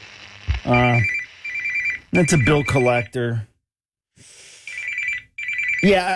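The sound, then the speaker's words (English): A telephone rings in repeated bursts, its bright, steady electronic trill loud, while a man's voice briefly speaks over one of the rings before the ringing resumes. “yeah, I gotta answer the phone.”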